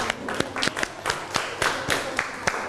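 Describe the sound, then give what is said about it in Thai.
A small audience applauds a participant, the claps sharp and uneven, some standing out individually over a steady patter of hands, continuing throughout without any talking. “มีเพื่อนช่วยนะโชคดีขอเสียงปรบมือให้เพื่อนหน่อยครับ”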